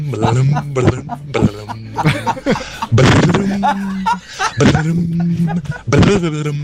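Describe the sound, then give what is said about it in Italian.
A loud voice in a car imitates a harp with a string of hummed, gliding tones broken by breathy bursts and clicks, repeating over several seconds. “Non è vero, ma non fa mai così l'arpa. Cioè, è difficile farla con la bocca, però.”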